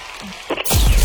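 After a brief quiet stretch, loud dense applause suddenly bursts in and keeps going to the end, a thick crackling wash of many hands clapping.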